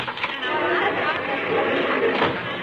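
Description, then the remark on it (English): A large crowd gathered for a rally murmurs and chatters in a steady, dense wash of overlapping voices. No single word stands out, and the babble holds at an even, moderately loud level throughout. “Sounds like a tremendous crowd out there, dearie.”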